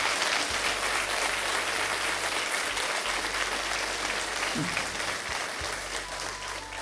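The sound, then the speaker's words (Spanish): An audience claps steadily in praise to the Lord, dense, sustained applause that fills the whole stretch, with a low hum pulsing underneath and a few voices faintly mixed in. “Jesucristo derramó su sangre, y a Él sea la gloria, la honra y la alabanza y el aplauso al Señor.”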